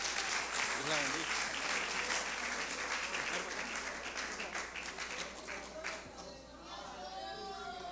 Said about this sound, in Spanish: Dile un aplauso al Señor y recibamos con un aplauso a nuestra hermana.